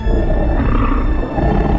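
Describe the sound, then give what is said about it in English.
A lion lets out one deep, loud, rumbling roar that fills the whole moment, heavy and sustained with a gritty low growl throughout. No one speaks. “and then roared an almighty roar.”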